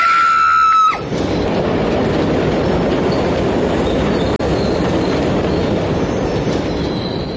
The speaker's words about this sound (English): As the train drew nearer and nearer, I leaned forward.